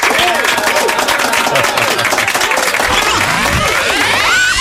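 A crowd breaks into loud, steady applause on a radio show, dense clapping that fills the whole stretch without letting up, with scattered voices and whoops rising over it.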